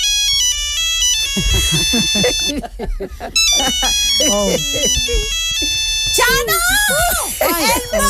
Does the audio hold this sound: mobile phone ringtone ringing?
yes